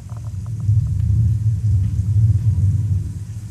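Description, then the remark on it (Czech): A deep, continuous rumble of a thunderstorm played in an exhibition, chosen by a visitor as number five, fills the whole stretch, heavy and steady in the low end, with a few faint ticking sounds near the start and no voices. “A můžu ještě poprosit třeba o bouři, pětka, Pětka bouře.”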